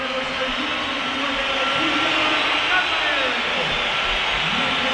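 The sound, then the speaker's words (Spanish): A stadium crowd whistles in disapproval at the farewell of Julián as he leaves the field, substituted by Lukman: a dense, shrill wash of overlapping whistles over a steady crowd roar, holding loud and unbroken throughout, with a voice talking underneath. “No, algunos no, la que hay una pitada.”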